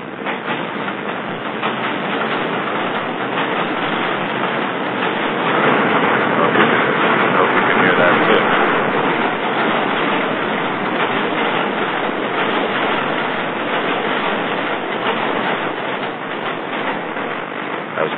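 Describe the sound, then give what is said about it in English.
A subway train rumbles in with a loud, continuous roar of wheels and rails that swells slightly midway and holds steady, filling the whole stretch without a break. “Here comes the subway. Here comes the subway. I can hear it.”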